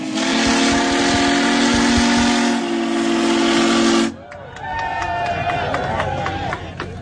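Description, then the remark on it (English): The whistle of the Big Boy steam locomotive, adorned with an American eagle and a special 1776 and 2026 plaque for this celebration trip, sounds one long, loud, steady blast with a breathy hiss for about four seconds, then stops abruptly, leaving a murmur of voices and cheering. “You can find more information on Big Boy on our website, WXXINews.org.”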